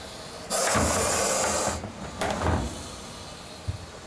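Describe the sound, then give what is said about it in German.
A Gaboon viper being put into a box hisses in two breathy bursts, a long sustained one followed by a shorter one, each sounding like steam escaping from an iron. A soft knock follows. “Das quittiert sie mit merkwürdigen Geräuschen. Klingt fast wie ein Dampfbügeleisen.”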